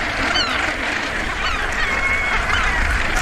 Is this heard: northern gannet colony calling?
yes